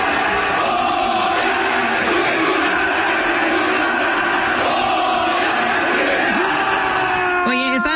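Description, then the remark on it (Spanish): A large stadium crowd chants the rhythmic "Goya" cheer in unison, loud and dense throughout, with many voices yelling together and a brief rising shout near the end. “Efraín Juárez fue de la mano con su hijo y gritó así con el público”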